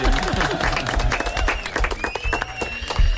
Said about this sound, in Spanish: Molt bé, fort aplaudiment.